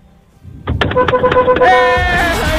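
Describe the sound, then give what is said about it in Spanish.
A radio listener honks a car horn at the hosts' request: a quick string of short, loud beeps, then one long, blaring blast that continues to the end. “Le van a pasar una multa por tocar bocina.”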